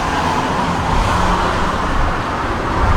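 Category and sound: vehicle, car driving on road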